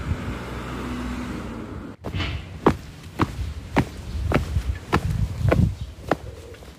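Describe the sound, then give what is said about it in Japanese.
Steady footsteps crunch along outdoors at an even walking pace, fairly loud, following a few seconds of road traffic rumble on Ishikawa Prefectural Route 106; walking about 200 metres from the Hon-Oshino bus stop in Oshino 1-chome, Nonoichi, Japan, toward the Oshino community centre. “今日はこの本忍野のバス停から少し歩いて忍野公民館の方に向かっていこうと思います。”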